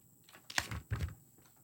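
A couple of quick bursts of light plastic clatter and clicking, like pens and small supplies being rummaged through and set down nearby, with quiet pauses in between.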